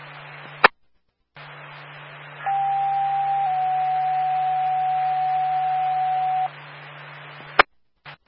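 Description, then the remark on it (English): Steady radio test tones over a hissing channel: a sustained tone that shifts slightly in pitch partway through, holding for about four seconds between sharp clicks, with no voices. “Copy, level 4, and can I get one set of test tones for station 25?”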